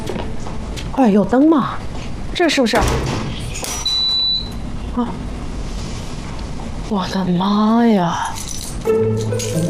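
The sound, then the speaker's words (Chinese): A bunch of keys jingles and rattles for several seconds as they are handed over, a light metallic clatter mixed with rustling, while people talk over it. “不然你把吴姐的钥匙给我们，我们去弄”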